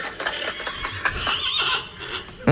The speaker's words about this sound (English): The horses are coming. The horses are coming.